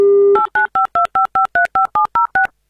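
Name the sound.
telephone number being dialed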